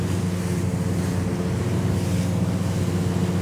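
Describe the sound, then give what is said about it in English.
A boat pushes through choppy water under high grey cloud, its engine droning steadily beneath a constant rush of spray, wind and waves breaking against the hull as the bow comes down and spray comes up, loud, with no voices. “And as I'm sitting here, the bow of the boat is coming down, the spray's coming up, it's actually splashing me in my face, and I swear I'm trying hard not to fall asleep.”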